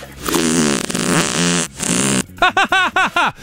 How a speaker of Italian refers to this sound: Ha sentito che bomba che mi è uscita dal culo?